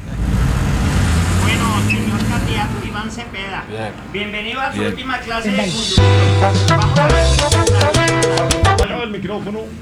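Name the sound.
car engine running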